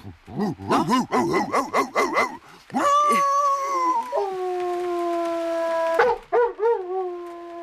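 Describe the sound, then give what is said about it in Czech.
A person imitates a headless dog: a quick run of yapping barks, then a long, wavering howl held for several seconds, ending with a few short yips. Loud, with no other talking. “Já jsem dělával bezhlavýho psa. Tak ukaž.”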